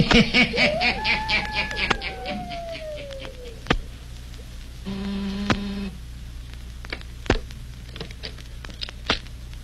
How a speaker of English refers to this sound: He waits a few seconds. He presses the buzzer again. Listen.